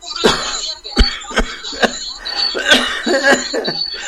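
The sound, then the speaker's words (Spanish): A harsh coughing fit from a lingering cough that has lasted about a month: about six or seven rough coughs in quick, uneven succession, with raspy breathy sounds between them and no talking. “No me puedo curar la tos todavía.”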